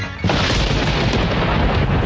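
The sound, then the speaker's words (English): A loud, deep rumble of thunder from an approaching storm, forecast to bring hail and damaging winds, breaks in abruptly and rolls on steadily without fading, heavy, with no voices present. “Hail and damaging winds are predicted with this next storm.”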